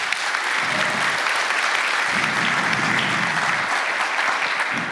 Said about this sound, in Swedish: En applåd